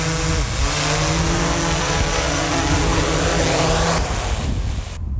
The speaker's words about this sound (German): Und so tönt die Drohne, wenn sie landet.